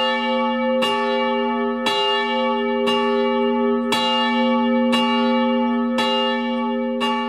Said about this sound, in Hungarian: A középső harang amúgy 420 kg-os volt.